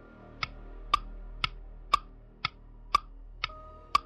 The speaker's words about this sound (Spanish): El reloj de su sala.